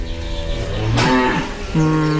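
A cow in a closed barn gives a low, soft moo, a drawn-out call that dips and rises again, greeting a farmer walking into the barn, against a steady background hum with no talking.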